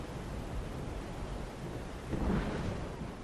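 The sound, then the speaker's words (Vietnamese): Steady, dense rain hiss fills the scene, with a deep rumble of thunder swelling up near the end. No voices, just the storm washing over everything at a constant, moderate level. “Cơn mưa dứt thì trời cũng đã về sáng.”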